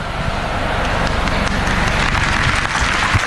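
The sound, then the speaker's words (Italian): Sustained audience applause: a dense, steady wash of many hands clapping at an even, fairly loud level for a few seconds, with no voices over it. “Senza che applauso in realtà è per dire, fai risposte più brevi.”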